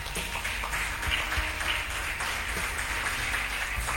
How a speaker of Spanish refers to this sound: Denle un aplauso a Jesús por eso, hermano.